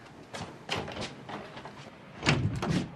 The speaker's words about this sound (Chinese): 哎，门怎么还锁着呢？锁门干嘛呀？ 这 开开门。